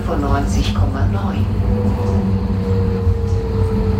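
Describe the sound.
A steady low rumble and hum inside the driver's cabin at the front of a tram, with a faint rising whine near the end and indistinct voices murmuring briefly early on.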